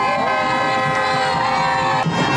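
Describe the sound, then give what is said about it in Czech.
A loud, dense crowd roars and cheers continuously in the streets of the capital of Cape Verde as the national football team parades through after its first World Cup, with shrill horns or whistles blaring steadily over the mass of voices for the whole stretch. “No a takhle to znělo, když fotbalisté projížděli ulicemi hlavního města Kapverd.”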